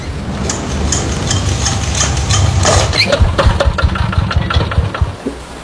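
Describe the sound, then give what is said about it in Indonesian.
A boat engine at sea cranks repeatedly with a rough, sputtering churn, loud, catching briefly in uneven bursts but never settling into a steady run, as someone tries to start it. “Kenapa ini mesin tidak mau menyala?”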